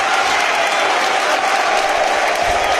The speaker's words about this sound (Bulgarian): Жоао Цварц също изпратен с бурни аплодисменти от феновете на червените, чуйте ги.